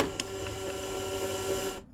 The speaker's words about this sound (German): So, irgendwie hören wir nichts. Ich probiere es nochmal, das Tape reinzuschieben.